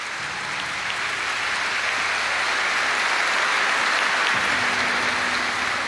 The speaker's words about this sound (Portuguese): Eles chegaram agora conosco. Também queria pedir uma salva de palmas para os nossos peregrinos que estão lá na porta da igreja.